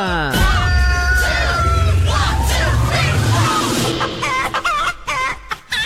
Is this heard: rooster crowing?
yes